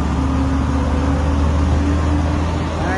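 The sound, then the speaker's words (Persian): Steady low rumble of idling vehicle engines at the Khosravi border terminal, outdoors, with a continuous hum and faint background murmur, no distinct voices standing out. “این وضعیت پایانه مرز خسروی.”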